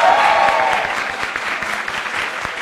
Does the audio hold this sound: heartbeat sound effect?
no